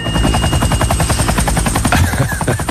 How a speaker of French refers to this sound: Ça, c'est l'hélico